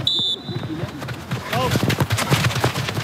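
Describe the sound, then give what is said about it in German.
A referee in a neon-orange bib blows a whistle to start a Landesliga men's football match involving SG Findorf in Bremen: one short, shrill blast, then a busy stretch of thuds, scuffling and murmuring voices as play gets underway. “Sie trägt ein neonorangenes Leibchen, ihr Blick konzentriert, sie pfeift zum Spielstart.”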